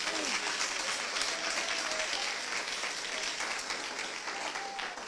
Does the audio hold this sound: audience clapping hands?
yes